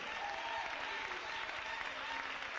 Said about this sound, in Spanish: Dele un aplauso al Rey en esta mañana preciosa.